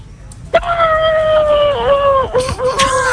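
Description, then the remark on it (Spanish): A person's voice imitates a horse's whinny with a long, high, sustained tone that wavers and breaks near the end, sounding more like a howl than a neigh. “Regular, el caballo sale regular, amigo.”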